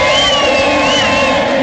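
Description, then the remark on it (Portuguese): A huge stadium crowd of Galo football fans sings and cheers together, a dense, loud, continuous roar of massed voices with a wavering chant melody running through it. “Canta, torcida do Galo.”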